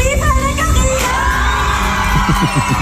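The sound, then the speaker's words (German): A large crowd cheers and shouts loudly and continuously at the election of the Thurgau apple queen, many overlapping voices forming a dense roar with no pause, punctuated by a few sharper yells and thumps. “Hat irgendjemand von lauter Geschrei irgendetwas verstanden?”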